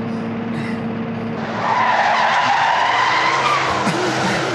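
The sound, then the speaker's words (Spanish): A car engine rumbles, then tires screech loudly in a sustained skid as the vehicle pulls up, the squeal lasting until the end with no voices. “Ven, Cindy, acerca el carro. Vamos a sacarlo de aquí.”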